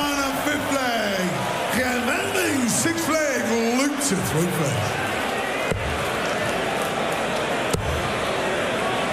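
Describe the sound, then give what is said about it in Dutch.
Two sharp darts, both thrown by professional player Luke Humphries at a darts match in America, thud into a dartboard about two seconds apart, cutting through a loud, steady crowd roar; voices are heard shouting and singing in the first half. “Nou, hup, je twee pijlen uitgooien.”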